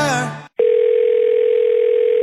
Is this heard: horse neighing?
no